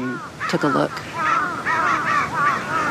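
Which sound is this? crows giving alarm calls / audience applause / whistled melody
crows giving alarm calls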